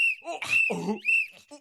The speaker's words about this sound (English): Where did you get that whistle? Jump with my whistle! Stop blowing that whistle! I've got another whistle!